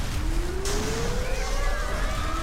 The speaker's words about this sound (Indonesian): Semua, jalankan rencana evakuasi. Sirene bunyikan.